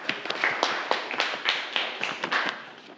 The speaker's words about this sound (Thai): โอเคปรบมือให้กับเพื่อนด้วยนะครับ